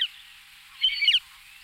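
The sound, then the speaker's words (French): Thin, high-pitched calls of a western marsh harrier hunting over a reservoir on the Garonne river: one brief note at the start, then a short burst of sharp, whistled cries about a second later, fairly faint, with no voices. “Et bien celui-là, c'est le busard des roseaux qui est plus spécialisé dans les oiseaux d'eau.”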